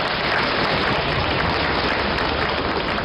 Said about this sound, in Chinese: 如果这掌声再热烈一点就更好了。